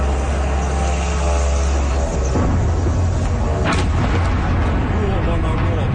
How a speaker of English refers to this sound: An eyewitness video captures the moment a drone slammed into an apartment building in the Russian capital.